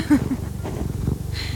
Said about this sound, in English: Wow, that's a good purr this morning.